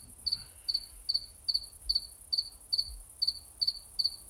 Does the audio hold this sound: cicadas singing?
yes